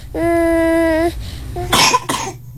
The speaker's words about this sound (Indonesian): Kenapa bayi ini? Sepertinya bayi ini tersedak dan kenapa tidak bergerak lagi?